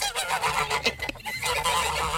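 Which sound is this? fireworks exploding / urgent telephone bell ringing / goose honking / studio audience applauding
goose honking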